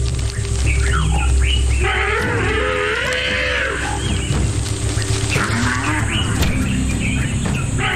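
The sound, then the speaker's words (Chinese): An adult elephant at the outer edge of its herd gives a deep, drawn-out warning rumble at wild dogs, with moaning, wavering tones that swell in the middle, over steady low background noise and scattered chirps from birds and insects. “外围的成年象对野犬发出警示的低吼，同时还扇动巨大的耳朵以表达不满。”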